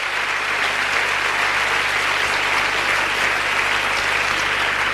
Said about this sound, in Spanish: Dele el aplauso al Señor